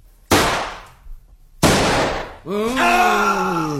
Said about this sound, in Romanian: În același timp, cortina cade și se aud două împușcături.